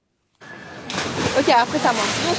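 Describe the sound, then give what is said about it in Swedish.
Water splashes and sloshes outdoors as people swim to cool off in Canal Saint-Martin in central Paris during a heat wave with temperatures up to 40 degrees, with voices calling and chattering over the steady wash of the water. “I Paris väntas temperaturer på uppemot 40 grader de närmsta dagarna och folk där söker sig till stadens kanaler för att svalka sig.”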